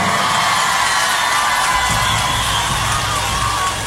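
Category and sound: crowd, audience applause and cheering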